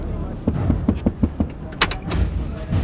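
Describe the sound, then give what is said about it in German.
Mangueras opens the door of his pickup truck with a sharp metallic clunk and latch rattle, preceded by a run of evenly spaced thuds like footsteps, all moderately loud. “Mangueras öffnete die Tür seines Pickups und ging langsam auf meinen Jeep zu.”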